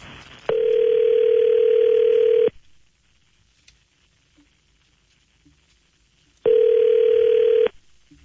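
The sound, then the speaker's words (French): A telephone line tone sounds loudly in two long, steady beeps, each about two seconds, separated by a silent pause of roughly four seconds, with no voices, while a phone call is being placed to Christine Fréchette. “on est prêt à essayer d'appeler? On est-tu prêt?”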